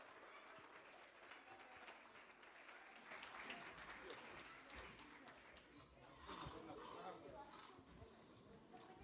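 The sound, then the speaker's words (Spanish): A crowd applauds steadily to welcome an Afro-Bolivian saya group from Sud Yungas, a dense wash of clapping that swells louder partway through and again near the end, with some cheering and voices mixed in. “Recibamos con un fuerte voto de aplauso ….”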